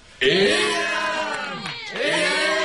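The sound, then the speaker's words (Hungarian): A crowd of voices shouts and cheers together in a loud, sustained roar, dipping briefly in the middle before swelling again into another burst of cheering, as the crowd joyfully lifts people up and carries them out. “A többiek éjjent kiáltoznak nekik, és nagy örömmel felemelvén kiviszik őket.”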